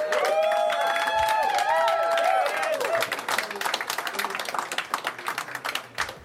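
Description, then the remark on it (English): A comedy show crowd at the Yacht Club in Chicago breaks into applause for the headliner from Cedar Rapids, with whoops and high cheering shouts riding on top for the first few seconds, then the clapping continues alone as dense, steady patter before thinning out. “God damn, it's a big crowd for the Yacht Club.”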